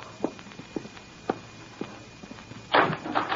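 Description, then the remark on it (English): A few soft, evenly spaced footsteps approach, then a door is opened with a brief rattling, scraping burst of noise near the end. “Open the door, child.”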